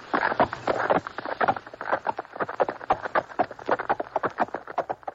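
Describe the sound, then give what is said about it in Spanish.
Horse hooves clip-clopping in a quick, steady rhythm, several horses trotting together as they are hurried along to reach the road by dawn, moderately loud, with no voices over them. “De acuerdo, vamos a apurarles a los caballos.”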